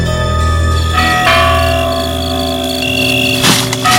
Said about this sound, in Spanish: Hacía media hora que el sol se había puesto y las campanas de la iglesia resonaban entre las peñas y los barrancos, anunciando a todas las personas de bien que la jornada había terminado.